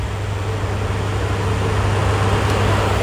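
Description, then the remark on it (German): An electric fan runs steadily, a constant whooshing hiss of moving air over a low motor hum, unchanging for the whole stretch, with no voices. “Ja, wer im Moment einen Ventilator zu Hause hat, behandelt ihn wahrscheinlich wie einen Familienangehörigen.”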